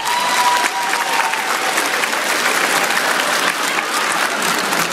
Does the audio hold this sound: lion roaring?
no